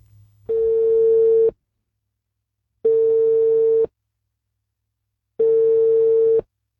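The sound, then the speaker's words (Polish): A telephone ringing tone as the RMF Classic radio station calls a listener about its travel contest: three steady, mid-pitched electronic beeps, each about a second long, repeating at an even pace with silent gaps between them. No one speaks. “Dzwonimy.”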